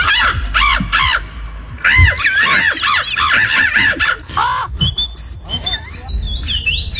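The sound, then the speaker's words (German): A person imitates bird calls loudly into a microphone at a bird-imitation championship judged by a jury: a rapid run of raspy, rising chirps and squawks, followed by thin, high whistled notes toward the end. “Also, aber bei dieser Meisterschaft, da kommt wirklich einer nach dem anderen ans Mikro, macht einen Vogel nach und die Jury bewertet das dann.”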